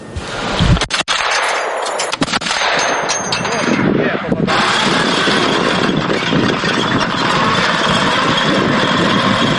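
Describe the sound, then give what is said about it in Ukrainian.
The motor of a small ground combat robot, the TV-12.7 armed with a 12.7-calibre weapon, runs loudly and steadily while artillerymen of the 147th brigade test it at a training range, a dense mechanical drone with a few sharp clanks and knocks in the first couple of seconds. “Артилеристи 147-ї бригади 7-го корпусу ДШВ тестують наземний дрон, що виконуватиме найнебезпечніші місії, які зазвичай супроводжуються найбільшим ризиком для військових.”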